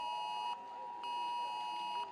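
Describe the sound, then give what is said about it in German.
A loud, shrill smartphone emergency warning alert tone sounds in long pulses with short gaps, a steady harmonic-rich beeping, with no talk; heard in the state parliament (Landtag) in Hannover, Lower Saxony, Germany. “Überall in Niedersachsen sind die Leute kurz abgelenkt, wie hier im Landtag in Hannover.”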